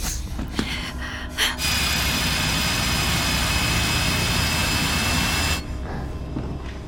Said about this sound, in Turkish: Tekrar delmeye başladılar. Evet, ama bir kişi deliyor.